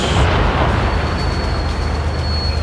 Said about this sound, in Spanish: Estos son los cañonazos que se están dando. 12 horas ya con 13 minutos, 12 con 13, 12 con 13 minutos. Este es el aniversario 147 del combate naval de Iquique. Escuchemos. Este es el sonido en directo que llega desde la Plaza Sotomayor.